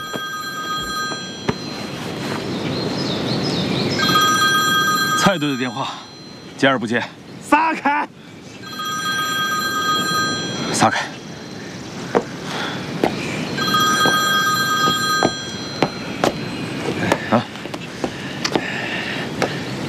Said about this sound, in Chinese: 蔡队的电话，今儿不接